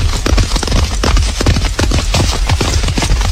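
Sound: horse hooves clip-clopping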